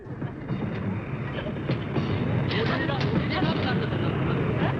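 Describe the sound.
A train rumbles steadily along the rails in winter, a dense, continuous roar with occasional sharper clanks, with indistinct murmuring voices blended into the noise; two police detectives are escorting a convicted man on the train.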